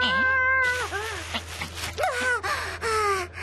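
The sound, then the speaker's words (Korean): A stray cat that carried off a bag meows several times in a row, long wavering yowls with strong harmonics, loud and plaintive, with a brief breathy pause between calls and no talking over them. “그때 그 도둑 고양이인가 보다.”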